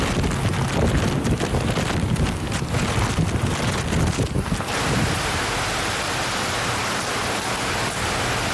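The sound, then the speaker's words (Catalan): Loud, roaring typhoon wind with heavy torrential rain in Zhejiang province, with winds of 145 km/h, gusting and buffeting hard for the first few seconds, then settling into a steady, dense rush of noise. No one speaks. “La consigna de les autoritats ha estat clara: preparar-se pel pitjor davant les pluges torrencials i vents huracanats.”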